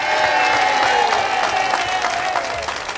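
An audience claps and cheers for the youngest member of the band in a steady, dense wash of applause that stays loud throughout, with scattered sharp claps and a faint whistle-like tone running through it.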